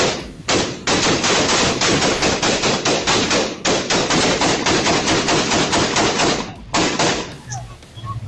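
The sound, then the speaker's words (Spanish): Sustained rapid gunfire, about 200 shots, from attackers firing at young people inside a car in a neighborhood in Miami, Florida. Dozens of loud sharp shots come in fast bursts with brief pauses, continuing for several seconds before cutting off into quiet. “Fueron cerca de 200 disparos, donde hasta uno de los mismos atacantes resultó herido con esas mismas balas.”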